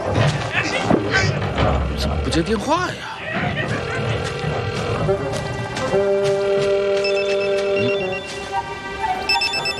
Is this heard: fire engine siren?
no